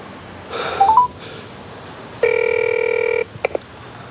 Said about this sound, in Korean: 다시 전화해보자.